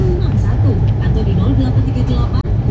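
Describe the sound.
A Tentrem bus rumbles past travelling in the opposite direction, a steady deep engine drone filling the whole clip, while people talk over the road noise.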